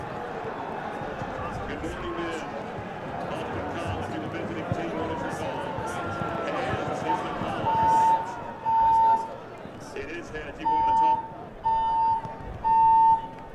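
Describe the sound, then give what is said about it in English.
A loud electronic fire alarm beeps in steady, repeated pulses, about five of them, in a building during a football game, starting partway through over a murmuring crowd and indistinct voices. “Seems to be an alarm going off here.”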